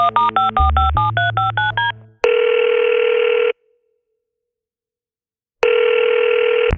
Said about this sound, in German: Da nimmt … sein Telefon zur Hand und wählt eine Nummer.